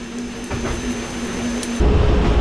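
A steady mechanical rumble with a low droning hum of a locomotive running along the rails, heard while riding by the locomotive. The noise grows louder and coarser near the end, and no one speaks.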